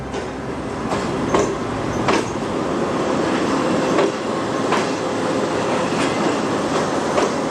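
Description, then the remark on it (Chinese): A Fuxing high-speed train on the Beijing–Zhangjiakou high-speed railway roars along the tracks past its signature herringbone-shaped track in a steady, dense rumble, with sharp rhythmic clacks of the wheels over rail joints recurring every second or so. No voices. “113年后，京张高铁上的复兴号从它那标志性的人字形轨道呼啸而过。”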